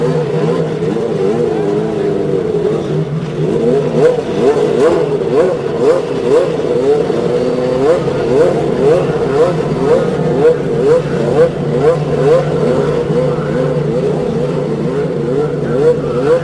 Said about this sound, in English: Ladies and gentlemen, start your engines. There's the famous cry. Ladies and gentlemen, start your engines. And 33 engines spring to life.